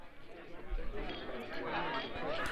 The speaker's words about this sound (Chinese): 哇，这是干杯哦，然后呢庆祝的这个声音哦。